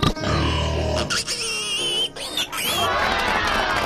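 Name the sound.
people imitating pig grunts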